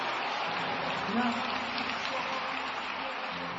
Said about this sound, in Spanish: y darle más aplausos al Rey. Amén.